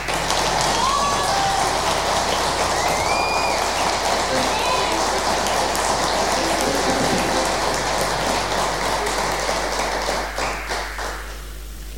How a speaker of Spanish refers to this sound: Bueno, en la batería tenemos, bueno, él forma parte del grupo … también, así que quiero agradecer desde ya y que ustedes le den un aplauso